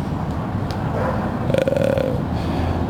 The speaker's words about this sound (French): Oui, parce que là, il y a une grille. Et puis ce bruit qui. Puis en fait, là-dessous, c'est le RER qui passe le RERB.